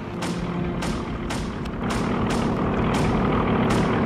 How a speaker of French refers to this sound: Oh la vache, les avions américains! Ils descendent tout près!